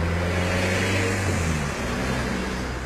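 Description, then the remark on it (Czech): A car engine drones loudly and steadily, its low hum dropping slightly in pitch partway through as the vehicle goes by, with no voices. “A potom projelo auto.”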